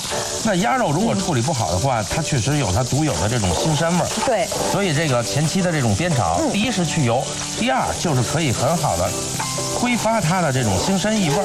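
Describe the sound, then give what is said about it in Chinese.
Duck meat sizzles steadily as it is stir-fried in oil heated to about thirty percent, rendering out excess fat and its gamey smell: a loud continuous crackling hiss with scraping and stirring, and tonal background sounds running underneath throughout. “所以这个前期的这种煸炒，第一是去油，第二就是可以很好的挥发它的这种腥膻异味儿。”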